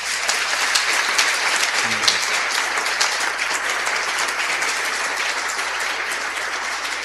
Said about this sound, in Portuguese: Então vamos saudá-las com uma salva de palmas.